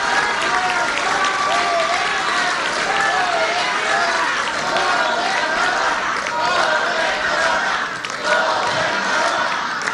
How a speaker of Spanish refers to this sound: Y entonces hay que darle otro aplauso a la gobernadora porque mucho se debe a su trabajo, a su liderazgo.